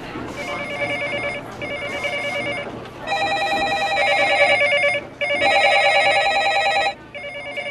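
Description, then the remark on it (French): An office telephone rings in long, insistent bursts separated by brief pauses, its bright trilling tone loud, repeating steadily over a faint background murmur. “Et les téléphones, parce que rien que moi, j'avais une, deux, trois, j'avais quatre lignes.”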